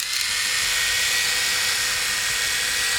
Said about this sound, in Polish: No bo można używać golarki na mokro i sucho, tak jak i poprzednich modeli. Jak golarka pracuje?